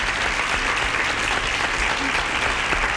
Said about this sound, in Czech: Ano, potlesk letí za vámi.